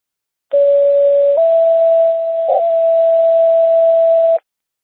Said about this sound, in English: Medic four, how copy, non-emergency tones? It works.